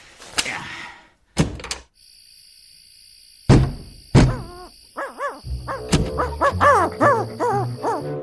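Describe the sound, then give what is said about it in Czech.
An owl hoots in a quick series of wavering calls against a steady background of chirping insects, after a few sharp thuds and knocks at the start. “To je sova.”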